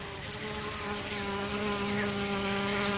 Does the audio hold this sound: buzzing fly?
yes